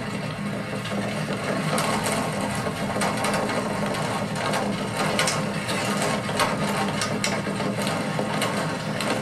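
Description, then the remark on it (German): A vehicle rattles steadily over the cobblestones of the Bassinplatz, a dense, continuous clatter of loose parts and jolting wheels with sharp irregular knocks, loud throughout and with no voices. “Klares Zeichen, wir sind schon etwas klapprig, zumindest auf diesem Pflaster.”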